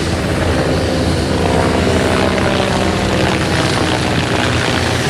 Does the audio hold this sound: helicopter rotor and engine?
yes